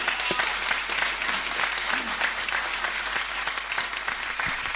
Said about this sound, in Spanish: Está aquí Homero Espósito. Un aplauso para él.